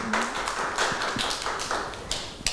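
Scattered hand claps, a handful of sharp, bright smacks at an uneven pace, fairly soft and with no voices over them, as if a small group is clapping for a child.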